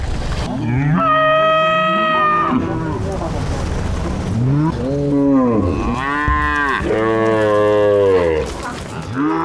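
A herd of cattle moos loudly and close by, several long, drawn-out bellows overlapping one after another with hardly a pause, filling the whole stretch without any talking.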